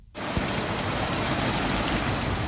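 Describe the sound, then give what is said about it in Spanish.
Heavy rain pours down on a Thursday afternoon in the Valencian Community, Spain, in a dense, steady hiss that starts abruptly and stays loud and constant throughout, with no voices present. “Como les hemos avanzado, la Comunidad Valenciana amanece este viernes sin ningún aviso por temporal, pero eso sí, la protagonista este jueves por la tarde ha sido la lluvia.”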